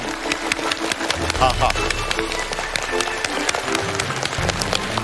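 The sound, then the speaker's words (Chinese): An audience claps steadily and densely for several seconds to welcome a guest lecturer, a researcher at the Institute of Physics of the Chinese Academy of Sciences, speaking about batteries; a loud, even wash of many hands, with a faint voice and low tones briefly audible underneath. “好， 一看大家鼓掌的这个镜头，电量都很足，电量都很足。”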